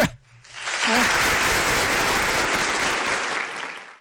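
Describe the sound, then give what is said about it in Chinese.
A crowd bursts into steady, dense applause that builds within half a second and holds loud and even for several seconds, with a brief voice at the start before fading at the end. “好，咱鼓掌啊，开始。”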